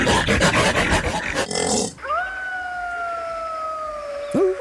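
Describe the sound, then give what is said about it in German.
After a burst of rhythmic noise, a Siberian wolf lets out a long, steady howl, a sustained clear tone holding for several seconds before sliding off at the end, with no talking. “Das ist aber, glaube ich, der sibirische Wolf, oder?”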